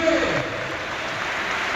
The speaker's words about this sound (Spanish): Aplausos para Brugui. Y entra Paco Cortés.